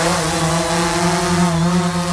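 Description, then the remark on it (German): Several drones fly back and forth between Kupferdreh and Huttrop in Essen, whirring with a steady, high-pitched motor buzz, layered harmonic tones holding fairly constant while the pitch wavers slightly as they move. No one speaks. “So könnte sich das anhören. Da fliegen nämlich einige Drohnen hin und her und einige Radio Essen-Hörerinnen und Hörer haben uns gefragt, was es damit auf sich hat.”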